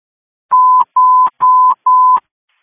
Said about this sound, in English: you can disregard any tones that are coming to you. Accidentally assigned you to a hilltop call.